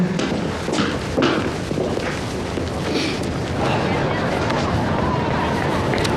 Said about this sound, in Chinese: 哎，终于来了！ 摩托车， 快快上车！